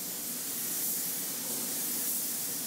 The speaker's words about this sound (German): In mehreren Durchgängen sprüht er die Lackschicht auf den Rumpf, um später eine perfekte Oberfläche zu bekommen.